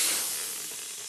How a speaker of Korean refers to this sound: 데니 할아버지가 타이어에 공기를 채웁니다.